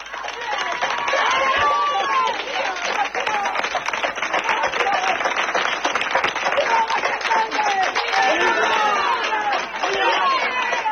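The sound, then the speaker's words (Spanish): Villagers of García Hernández, near Alba de Torbes in Salamanca, Spain, clap continuously and loudly for the whole stretch in support of the owners of an occupied house, while many voices shout and hurl insults at squatters over the applause, forming a dense, unbroken wall of noise. “Pese a que se desataron momentos de tensión con gritos e insultos hacia los ocupas, no hubo que lamentar incidentes ni agresiones gracias al trabajo de la Guardia Civil.”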